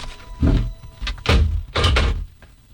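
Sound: door being opened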